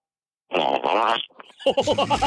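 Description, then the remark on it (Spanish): A person imitates a fart with their mouth: a loud, buzzing raspberry lasting under a second, a short pause, then a second sputtering burst with a rapid flapping rhythm. “El sonido de un pedito con tu boca, pero que se escuche bonito, de esos que truenan bien sabroso, que se escucha que todo está...”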